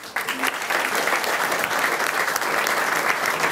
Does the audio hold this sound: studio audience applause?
yes